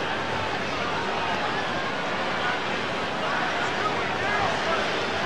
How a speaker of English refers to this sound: Fans chanting Vladdy.